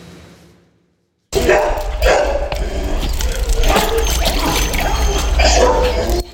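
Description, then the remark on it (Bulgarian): After a moment of near silence, a loud, continuous chorus of many dogs barking breaks out, overlapping yelps and woofs, with a faint trickle of water underneath; over 100 stray dogs at an animal shelter, kept cool with shade, extra water and pools during a heat wave. “Сянка, повече вода и басейни разхлаждат над 100 бездомни кучета в приюта на фондация Animal Rescue.”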